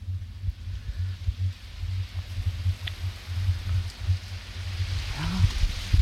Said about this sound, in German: Und weil uns ja doch immer der Regen fehlt, denke ich mir mal, ach komm her, nochmal die Regenaufnahme.